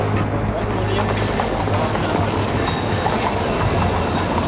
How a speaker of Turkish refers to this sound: Beşiktaş'ın ana caddesine ulaşınca güç bela atlı tramvaylardan birinde yer bulduk. Bindiğimiz tramvayda da iri yarı bir çavuş Galata Köprüsü'ne varıncaya kadar ateşli söylevler verdi.